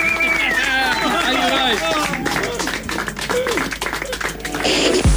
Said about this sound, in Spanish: Maravilloso. Aplauso. Explote.